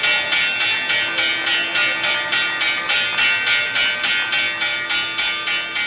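The New York Stock Exchange trading bell rings continuously in rapid, even strikes, a loud, bright metallic clanging that repeats about three times per second for several seconds, with no voices, signalling the opening or close of trading.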